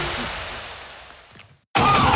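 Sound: badly running car engine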